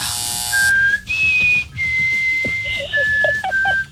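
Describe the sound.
A short whistled tune of four or five clear, sustained notes stepping between different pitches, fairly loud, with no talking.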